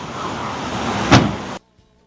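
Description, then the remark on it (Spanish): A car door shuts with a single solid thump, heard over a steady rushing vehicle noise that cuts off abruptly moments later, leaving near silence. “Que me cierre la puerta.”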